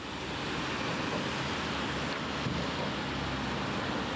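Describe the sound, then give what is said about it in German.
Steady wind roars across the microphone on a bridge over the Váh river at Trenčín, western Slovakia, in a dense, continuous rush, loud, with no voices and only slight swells in intensity throughout. “Windig ist es hier auf der Brücke, aber der Blick ist berauschend.”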